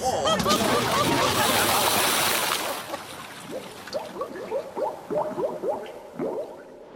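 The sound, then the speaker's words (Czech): A loud, churning splash of bound bodies being thrown into seawater, followed by a few seconds of quieter gurgling and bubbling as the water settles, without voices. “Ne. Házíme je do moře.”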